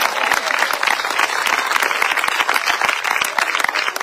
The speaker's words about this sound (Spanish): Denle un fuerte aplauso al Señor, hermano.